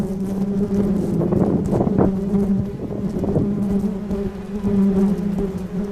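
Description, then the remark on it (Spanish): A dense, steady drone of many bees buzzing, from swarms being checked by a man who classifies swarms in Tijuana, Baja California, continuous for the whole stretch with slight swells in loudness and no voices. “mejor conocido como el hombre abeja, porque su trabajo es una misión muy difícil.”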